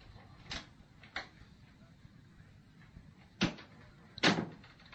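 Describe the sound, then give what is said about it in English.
An unlocked door opens as someone enters, heard as four short clunks and knocks spread over a few seconds against a low background hum. No one speaks. “Come in. The door isn't locked anymore.”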